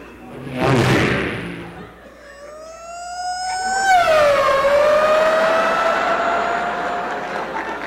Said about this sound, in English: Here he comes. Watch this. This is the fast car.